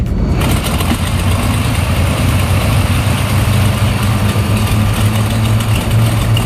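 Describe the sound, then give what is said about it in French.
A loud, steady airplane engine drones without a break on a short flight to Cherbourg, a deep low rumble topped by a broad hissing roar that holds an even level throughout, with no voices. “Allez, on y va pour l'avion.”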